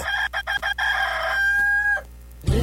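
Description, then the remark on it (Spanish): A rooster crows in a stuttering way: a few quick choppy bursts, then one long drawn-out call, loud with no talking over it. “Vamos a un corte y regresamos más rápido que en lo que canta un gallo tartamudo.”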